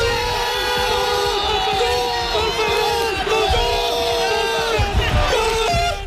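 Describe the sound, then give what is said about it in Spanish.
A huge stadium crowd roars in celebration of Ferran Torres's goal that won Spain the world championship, a dense, sustained wall of cheering and yelling that stays loud throughout with no pauses. “Hemos escuchado la narración en Radio Nacional del momento en el que el jugador del Barcelona, Ferran Torres, metía el gol que supuso el campeonato mundial para España.”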